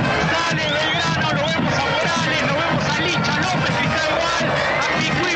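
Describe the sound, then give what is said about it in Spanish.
A dense, loud crowd of Belgrano fans clapping and cheering as the Belgrano team bus departs toward the Gigante de Alberdi stadium, steady throughout, with many overlapping shouts and voices blending into a continuous roar. “Los hinchas que igual se acercan, golpean sus manos, aplauden, despiden al colectivo pirata.”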